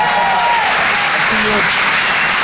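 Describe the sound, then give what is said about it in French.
A loud, steady wash of audience applause fills the whole clip, dense and continuous clapping with faint tonal traces of voices or cheering mixed in, as the audience at the Rire et Chanson Comedy Club applauds a stand-up comedian finishing his set. “Faites du bruit pour”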